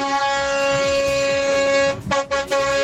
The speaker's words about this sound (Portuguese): Ó, aqui vale pra quem buzina de carro, de moto, vale de todo jeito, cara. De toda forma, não tem essa, não.